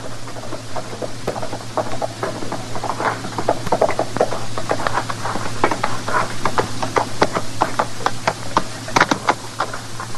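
A single rider's horse clops along at an unhurried walk, a steady scatter of dull knocks that grows slightly louder, over a low constant hum with no voices.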